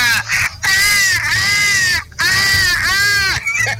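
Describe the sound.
A man's voice imitates a peacock's call: two long, loud, piercing wails with a bending, nasal pitch, separated by a brief pause.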